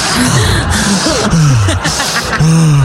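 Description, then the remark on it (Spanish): Someone imitates heavy, rasping breathing like Darth Vader, as one breathes after climbing three steps in high-altitude Quito, Ecuador: a few loud hissing inhales and exhales with a throaty hum running through them and no words. “Sube 3 escalones allá y anda respirando como Darth Vader, yo creo.”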